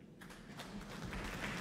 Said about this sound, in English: Applause. Greeting Benjamin Grosvenor and Sean Song.